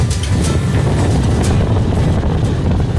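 Strong wind roars steadily and loudly over an oasis of dunes and freshwater lagoons in northeastern Brazil, with the villages Baixa Grande and Queimada dos Britos, buffeting the microphone with a dense low rumble and occasional brighter gusts, with no voices present.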